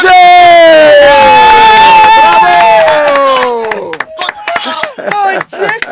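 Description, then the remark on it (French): A loud crowd cheers with sustained shouting voices for about four seconds as a football match ends with Benin's team winning and qualifying. The roar then gives way to scattered, choppy clapping and whoops. “applaudissez! Bravo!”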